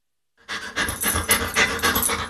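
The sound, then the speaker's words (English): A dog pants rapidly and steadily, a continuous run of quick breathy huffs starting after a brief silence and staying fairly loud throughout. “To some, this might sound like a typical family dog.”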